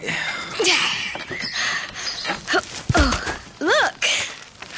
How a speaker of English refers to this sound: What's that noise? Oh, it's a dog we've been caring for. He's been injured. You want to see?